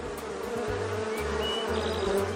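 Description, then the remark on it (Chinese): A steady, droning buzz of bees fills the whole stretch, wavering slightly in pitch as they hover, with no voices. “狡猾的蜜蜂居然躲开了。”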